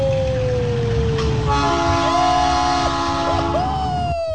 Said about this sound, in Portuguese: E o trem tá passando aí, cara.